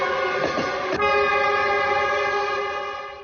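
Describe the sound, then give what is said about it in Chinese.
A train horn blares in one long, steady blast over the rumble of a moving train travelling to Guizhou, China, holding strong before easing off slightly at the end. No one speaks. “刘家母子当即动身，搭乘火车赶赴贵州。”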